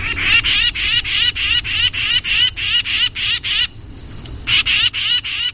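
A tufted titmouse gives an agitated alarm call: a rapid string of harsh, raspy scolding notes, loud, breaking off briefly before the urgent chatter resumes.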